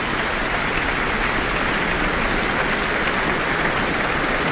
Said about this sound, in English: She draws him forward, but he lets go of her hand and lets her take the applause in here in the Auckland Town Hall after performing Beethoven's Piano Concerto No. 3. And the musicians of the Auckland Philharmonia are applauding along as well.